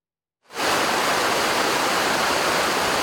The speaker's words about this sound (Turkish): Deyim yerinde ise Saitabat Şelalesi coştu, su seviyesi rekor düzeye ulaştı. Bursa'nın Kestel ilçesine bağlı Derekızık mahallesine 3 kilometre mesafede kayalıklar arasında bulunan ve Marmara bölgesinin önemli doğa turizmi destinasyonlarından biri olan